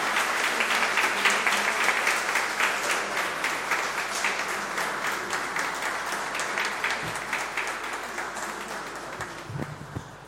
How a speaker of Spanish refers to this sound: Muy bien, ahora la muestran a toda la asamblea y le damos un gran aplauso a nuestra hermana.